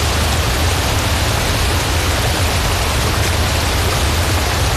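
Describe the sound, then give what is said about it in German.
A steady, dense roar of rushing water, like a waterfall, fills the whole recording at constant loudness with no pauses or voices. “An einem rauschenden Bergbach oder an einem steibenden Wasserfall, da ist es schön kühl.”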